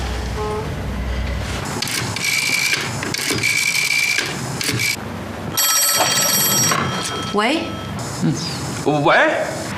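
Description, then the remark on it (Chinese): An old-fashioned telephone bell rings in several loud, clanging bursts a second or two apart, with voices and indoor movement underneath. “你看啊，我让你赶紧接吧，人家放电话了吧？”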